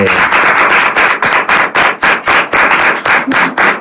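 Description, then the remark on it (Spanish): A small group applauds a man who has returned, clapping loudly, a quick steady patter of hand claps running for a few seconds with no voices over it. “Un aplauso, porque ha vuelto para el hombre.”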